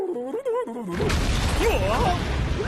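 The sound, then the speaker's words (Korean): A brief voice gives way to a loud, sustained rumble of an underwater volcano in the sea about to erupt: a deep, churning roar with gritty crackling, plus a few warbling tones sweeping through it. “이건 바닷속 수중 화산이 폭발하려고 낸 소리였구나.”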